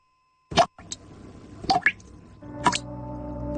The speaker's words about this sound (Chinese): 你听，这是水龙头的叹息。 用完水要关紧，别让水滴白白洒。